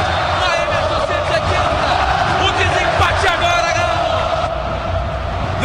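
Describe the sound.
A football stadium crowd of Atlético fans roars and cheers continuously as Bernard takes a corner kick in a match against Bahia. It is a dense, loud wash of many voices with rising shouts and whistling chants layered on top throughout.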